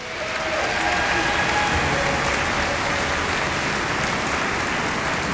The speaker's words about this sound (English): give a big welcome, round of applause